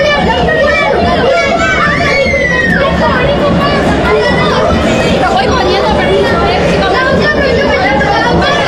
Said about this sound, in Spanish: Eso que están escuchando de fondo son los chicos, los pequeñitos que van a acompañar a los jugadores de la selección de Argentina hacia el terreno de juego.